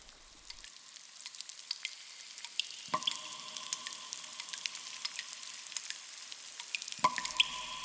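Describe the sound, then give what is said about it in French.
Water drips steadily in a dense, irregular patter over a constant rushing hiss in the cave from which a stream springs, with a couple of louder, ringing plinks that hang in the air like drops falling into a pool. “La grotte d'où jaillit le ruisseau.”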